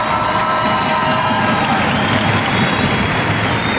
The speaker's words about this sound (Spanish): Thank you, Jesus, for Mexican grandmothers. Thank you. Un aplauso por todas nuestras abuelas.